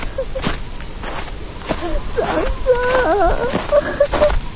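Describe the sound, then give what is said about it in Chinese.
A woman sobs and wails in broken, wavering bursts that rise and fall in pitch, with sharp thumps like footsteps scattered throughout, heard on approaching a main building on a chilly, sunless snowy day. “刚靠近主楼就听见女人的哭声，那哭声断断续续，高高低低，见或有其他女人的低声劝慰。”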